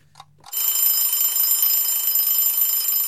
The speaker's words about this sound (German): Der Wecker klingelt, es ist 3 Uhr morgens.